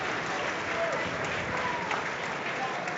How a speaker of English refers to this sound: And warm applause for Conor Ronan, who's put in quite a shift